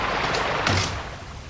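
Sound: door being closed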